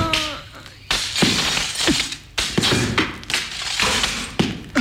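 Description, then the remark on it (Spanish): Fistfight sounds as men at another table in an inn punch one another: a rapid, irregular series of heavy punching thuds and crashing blows, loud, with a brief shouted voice at the start. “los tipos de la otra mesa comenzaron a darse puñetazos.”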